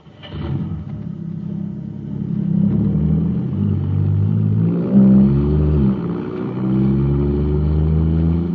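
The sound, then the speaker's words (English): The powerful engine of a jet cycle, supercharged with super fuel, roars, revving hard and accelerating, its deep rumbling tone climbing and surging through the whole stretch with no talking. “Wow, this jet cycle is supercharged now.”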